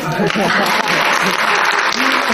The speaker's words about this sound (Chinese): 咱这鼓掌不太热烈。 别 抱怨，哎，这就人缘， 人缘